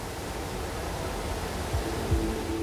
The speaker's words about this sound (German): Hier fließen bis zu 4 Kubikmeter Mainwasser pro Sekunde ins Kraftwerk. Flusswasser, kein Grundwasser.